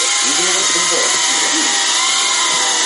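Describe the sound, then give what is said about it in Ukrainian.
A small micro FPV drone, a so-called whoop, is held in hand. It is used for initial flight training. Its propellers give off a steady, high-pitched buzzing whine that holds level throughout, with a faint voice murmuring underneath during the first half. “В моїх руках знаходиться мікродрон, так званий вупік. Він використовується на етапі початкових польотів.”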